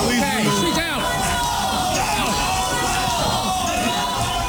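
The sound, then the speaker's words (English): A crowd of residents at a Charlotte City Council meeting shouts and chants "no more tolls" in protest against toll lanes on I-77, a dense, continuous roar of overlapping yelling with rising and falling tones, no single voice standing out. “That woman was removed by cops as the crowd chanted no more tolls.”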